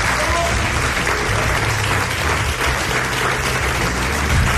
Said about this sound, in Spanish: Os vuelvo a pedir que se sienta la fuerza de la gente que está aquí todavía en este castillo, con un aplauso para que os sientan en todo el mundo.